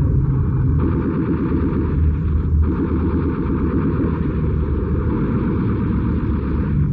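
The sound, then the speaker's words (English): A loud, steady roar of aircraft engines fills the scene as Messerschmitt fighters attack, broken by two rapid bursts of machine-gun fire rattling. No one speaks. “Look out! Messerschmitts!”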